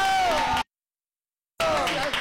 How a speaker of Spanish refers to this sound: Señoras y señores, la primera escuela que va a abrir esta sección espectacular de Mamma Mía. ¡Fuerte el aplauso para la escuela normal!